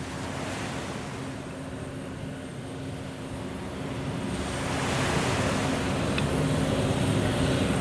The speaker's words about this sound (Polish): A takie dźwięki, jakie słyszymy teraz, to jest morze. Są, akurat trzeba przyznać autorowi, że fajnie ubarwił tę grę różnego rodzaju odgłosami.